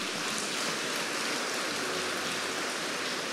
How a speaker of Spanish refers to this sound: Dele un aplauso por su doctrina.